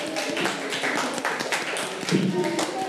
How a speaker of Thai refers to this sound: เก่งมากค่ะกลับไปนั่งที่ค่ะปรบมือให้ตัวเอง